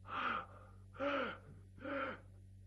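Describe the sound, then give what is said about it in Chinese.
Three heavy, rasping breaths come in a slow, even rhythm, each a drawn-out gasp about half a second long, fairly loud with brief pauses between them, likely a voice imitating the labored gasping of someone who has barely managed to speak a few words. “勉强说这么几句话，大口大口就喘气。”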